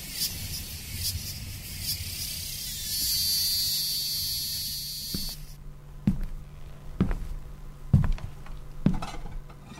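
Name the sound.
cicadas singing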